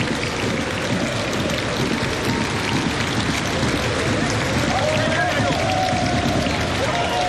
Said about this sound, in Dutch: Altijd een heel sereen moment. Die minuut applaus voor Miguel van Damme. Een soort regen die hier nederklatert of neerklatert.